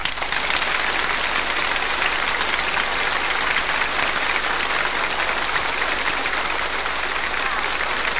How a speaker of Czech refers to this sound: Zatleskejte orchestru Československé televize.